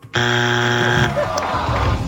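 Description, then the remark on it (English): A loud, flat game-show buzzer blares for about a second with a harsh, steady drone during a points-based quiz game, then cuts off as people start talking. “Oh, at the buzzer.”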